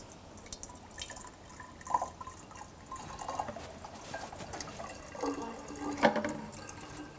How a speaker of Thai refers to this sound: ถ้าเรากรอกน้ำลงไปในภาชนะที่มีรูปร่างต่างๆกันเนี่ยเราจะยังได้ยินเสียงคล้ายๆกับที่เราได้ยินหรือต่างกับที่เราได้ยินมาแล้วอย่างไร